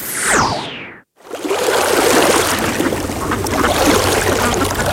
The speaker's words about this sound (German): Hier am Wasser klingt Bayern anders. Hör hin. See, Quelle, Fluss, im Gleichgewicht.